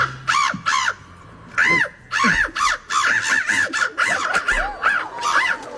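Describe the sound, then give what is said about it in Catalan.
A person imitates a bird call at a bird-imitation championship held in Warsaw, Poland, repeating sharp, arching chirps and caws in quick bursts, loud, with no other talking. “Això és una persona imitant a un ocellet.”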